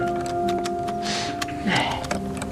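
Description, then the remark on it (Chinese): A key turning in a lock until the lock opens: a series of small metallic clicks and a brief grinding scrape, over a faint steady background hum. “不会错啊，上次就用这把钥匙开的这道锁呀。”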